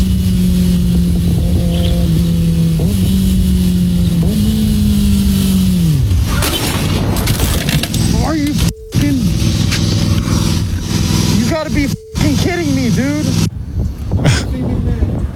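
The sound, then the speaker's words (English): A car engine drones steadily with a few upward pitch shifts, then cuts off in a sudden jumble of clattering impact noise as it crashes into a lawnmower that pulled in front of it. Excited voices and more rattling follow. “No, it was that clip of somebody getting hit, and they want to know who's at fault.”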